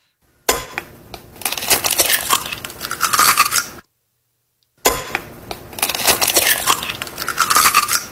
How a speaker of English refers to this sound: Cracking open an egg on a Saturday morning.